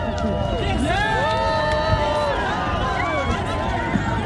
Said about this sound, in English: Toronto's annual Pride Parade was underway today, drawing crowds of partygoers as the city simultaneously basks in World Cup excitement. Now here's some of the crowd cheering as Prime Minister Mark Carney shook hands with people watching the parade.